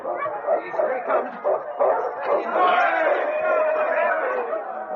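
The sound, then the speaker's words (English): A dense crowd at a sled dog race finish line cheers and shouts continuously and loudly as the lead dog King, a Malamute, crosses the line, with excited dogs barking and yipping through the roar. “The crowd pressed close as King crossed the finish line.”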